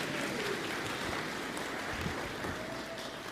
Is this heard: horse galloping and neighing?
no